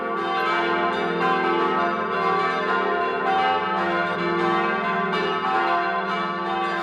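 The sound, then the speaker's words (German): Several church bells of the Church of St. Joseph the Worker in Ganschir, in the Montafon in Vorarlberg, peal together at noon in a continuous, overlapping ring, their strikes blending into a dense, steady wash of metallic tones with no voices present. “Es ist 12 Uhr. Sie hören die Glocken der Kirche zum heiligen Josef dem Arbeiter in Ganschir in Vorarlberg.”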